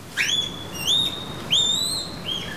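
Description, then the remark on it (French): A female giant panda calls during the January-to-March breeding season with four high, whistle-like chirps, each sliding up then holding steady, spaced roughly half a second apart, clear and unaccompanied by talk. “Oh! Ses cris! C'est une femelle! Elle m'appelle!”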